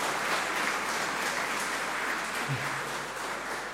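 An audience claps steadily for a few seconds, a dense, even wash of many hands with no pauses and no voices over it, holding at a fairly constant level throughout.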